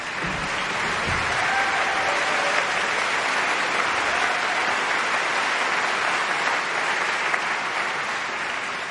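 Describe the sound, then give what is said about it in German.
Sustained audience applause for a choir and a ship's band fills the whole stretch, a dense steady wash of many hands clapping at an even loudness, with a few faint whistles or cheers flickering through. “Und Applaus für die Luxus-Schiffskapelle mit ihrem dürren Genten.”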